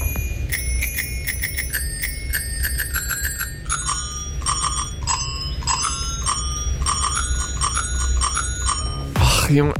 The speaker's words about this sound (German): Das ist wirklich einfach, es ist das Fahrradklingel-Quiz. Ihr könnt gerne zu Hause mitmachen. Was ist das hier für ein Song, der da geklingelt wird?